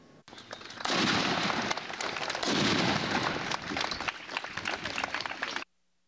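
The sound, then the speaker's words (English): A cannon booms outdoors at a Memorial Day ceremony in Thayer County, southeast Nebraska, then a long rush of rumbling, crackling noise follows, with a second heavy blast and heavy wind buffeting the microphone before it cuts off abruptly. “With American flags whipping in the heavy wind, Thayer County's annual Memorial Day celebration, beginning with a bang,”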